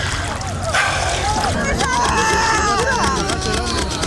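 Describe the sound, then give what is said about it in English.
A loud, chaotic crowd of voices shouts over one another without pause, overlapping cries rising and falling in pitch, with splashing water mixed underneath, as people wade in waist-deep water around a boat that looks full. “There's a lot of shouting, a lot of confusion.”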